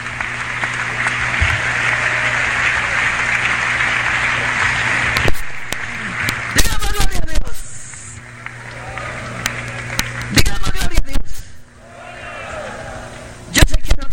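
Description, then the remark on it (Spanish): An audience claps steadily for God in a dense, sustained wash of applause that rises and falls in bursts, with a few louder surges toward the end. “Entonces, ese aplauso es para Dios del mundo.”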